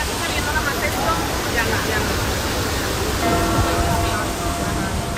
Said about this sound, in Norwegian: Det første vi møter lyden av vatten som spruter fra en berømt fontene.